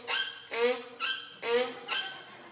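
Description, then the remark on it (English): A mule brays in a pasture, a loud, harsh hee-haw repeating in five quick, rhythmic bursts with no one talking. “There was a mule braying in the pasture.”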